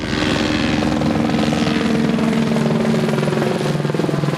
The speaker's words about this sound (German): Im Minutentakt fliegen die Löschhubschrauber hier über den Föhrenwald. Sie holen Wasser aus den aufgebauten Löschbecken auf den Feldern und fliegen dann direkt zurück zum Wald.